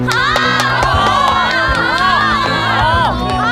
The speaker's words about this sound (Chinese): 大家掌声欢迎！